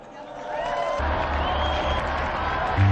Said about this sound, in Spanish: Brindemos nuestro cálido aplauso a San Pedro y a San Pablo.